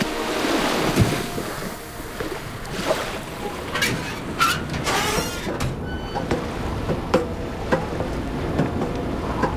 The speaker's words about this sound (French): La nuit était fraîche. Un petit vent sifflait entre les mâts où les voiles pendaient. Et ce vent qui soufflait ne gonflait pas les voiles.